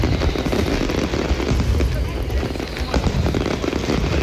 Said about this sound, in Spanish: En la noche de la víspera se lanzaron los fuegos artificiales con miles de personas en la calle.